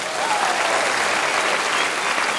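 Steady, dense applause from an audience, a continuous wash of many hands clapping at an even loudness throughout, with no voices standing out.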